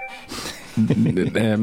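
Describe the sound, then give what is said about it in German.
Short burst of bright electronic tones from a phone someone is playing around with during a live recording, like app or game sounds, fairly loud, with a steady pitched chime sequence in the second half. “spielt live auf seinem Telefon herum”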